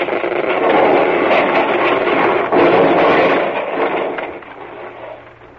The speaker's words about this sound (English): Now, no. No good. Not quick enough. The ice is closing in. It's crushing the boat.